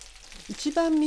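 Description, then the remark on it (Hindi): Chicken fillet pieces sizzle in a frying pan with a steady, crackling hiss. About halfway through, a sustained pitched tone joins the frying and holds to the end. “जब मुर्गी के तमाम टुकड़ों की रंगत खूबसूरत सुनहरी हो जाए तो इन्हें पलट दीजिए। फ्राई पैन को किसी ढक्कन से ढांप दीजिए ताकि गोश्त अच्छी तरह से गल जाए।”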